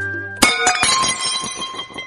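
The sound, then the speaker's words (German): Glass clinks sharply three times in quick succession, each strike leaving a bright, ringing tone that lingers and slowly fades. A low steady hum sits underneath at the start. No one speaks. “Und wo kommt Glas dann nun her?”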